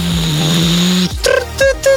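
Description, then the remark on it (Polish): A coffee machine drones with a steady low mechanical hum for about a second, then cuts off into a few short bursts of hiss and brief mid-pitched tones. No one speaks. “I co to jest? Ekspres do kawy, no hello!”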